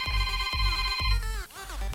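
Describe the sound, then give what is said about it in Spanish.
Electronic phone keypad tones ring out steadily and loudly as 929 is dialed, layered over a regular pulsing beat about twice a second, with the pitch sliding and shifting partway through. “Hazme un favor, apachurra en tu teléfono 929.”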